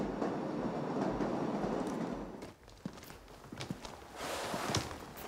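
A loud, steady rumble of a Jungfrau Railway train rolls through a narrow, single-track tunnel for a couple of seconds, then drops to a quieter hum scattered with sharp clicks and knocks, echoing.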